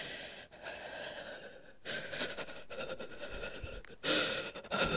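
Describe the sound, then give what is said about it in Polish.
Rapid, heavy breathing with gasps for air, a series of loud, breathy inhales and exhales in uneven bursts, with no talking, from a woman sitting in a car during a thunderstorm. “Gwałtownie dotleniam się i czuję, że zaraz tlen przebije mi się przez dach auta i uleci do piorunów, a tego bym nie chciała.”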